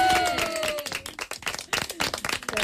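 A burst of loud, dense applause from many hands, with quick overlapping claps throughout and a few voices cheering faintly underneath.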